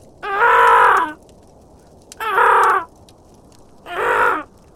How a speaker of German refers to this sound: Mittlerweile hatte sich das Krächzen der anderen Raben zu einem lauten, schrillen Singsang gesteigert. Irgendetwas hatte die Aufmerksamkeit von Merlins Artgenossen erregt.